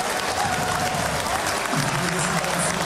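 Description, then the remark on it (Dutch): A large stadium crowd applauds steadily as Dender player Simba is substituted and takes leave of the fans, a dense wash of clapping with faint crowd murmur and a low voice mixed underneath. “Applaus voor Bruni en Simba die afscheid neemt van het publiek.”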